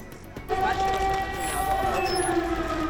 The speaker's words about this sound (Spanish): Las alarmas antiaéreas vuelven a sonar en Kiev, en plena visita del canciller alemán Merz.